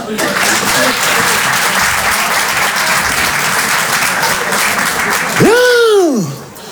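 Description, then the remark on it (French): An audience applauds steadily for about five seconds in answer to a question asking who has read Racine, a dense wash of clapping, then a single voice lets out a long rising-and-falling exclamation as the applause dies down. “Généralement, c'est le moment où je demande, je pose une question assez simple, par applaudissement, qui a déjà lu du Racine ?”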